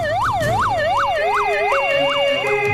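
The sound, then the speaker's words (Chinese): Police car and ambulance sirens wail loudly as the vehicles arrive after emergency calls, a rapid rising-and-falling yelp cycling steadily over a continuous tone, with no voices. “警车和救护车呼啸而至。”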